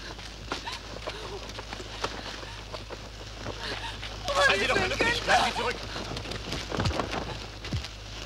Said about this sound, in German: Wir müssen ihn vom Feuer wegbringen.